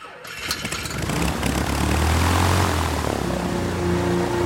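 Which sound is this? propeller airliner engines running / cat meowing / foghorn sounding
propeller airliner engines running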